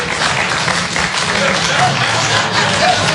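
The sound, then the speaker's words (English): A comedy audience claps steadily for about three seconds, those who are a little untidy clapping on cue, a dense, loud wash of many hands that stays even throughout, with some murmuring and cheering mixed in. “I won't say dirty, but clap if you are a little untidy.”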